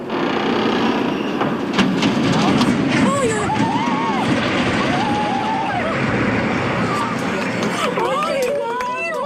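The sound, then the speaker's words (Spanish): Massive iron beams creak and groan with wavering metallic squeals over a loud, continuous rumbling roar as the 106-year-old San Miguel bridge in Arcos, damaged in recent storms and being demolished, collapses into a river, with a murmur of residents' voices underneath. “Son los chirridos de enormes vigas de hierro al doblarse, el estruendo del puente de San Miguel al caer al río y el asombro de los vecinos.”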